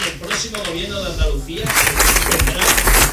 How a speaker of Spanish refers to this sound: Le está costando, como decía, dar su discurso porque no sí. paran de interrumpirle los aplausos.